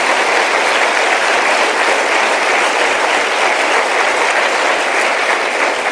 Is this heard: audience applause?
yes